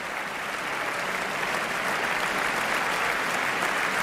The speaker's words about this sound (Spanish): Aplausos para las trompas y las tubas wagnerianas precisamente en este momento.